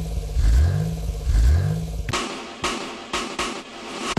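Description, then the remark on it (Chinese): A car engine revs twice in rising, throaty sweeps, then breaks into a loud, choppy run of rhythmic bursts as it keeps roaring. No voices. “您的爱车需要养护，别忘了给它定期做体检哦。”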